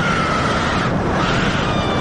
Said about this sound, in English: So it sounds like it starts like this, you know, roller coaster sounds, right? Heading along the track. And at some points, it sounds kind of like typical roller coaster screaming.